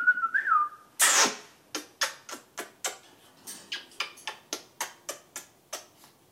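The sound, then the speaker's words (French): Jaco, a pet parrot, gives a short, wavering mid-pitched whistle, then a harsh noisy burst, followed by a steady run of about fourteen sharp, evenly spaced clicks. “Et normalement il faut avoir des papiers avec ce genre d'oiseau.”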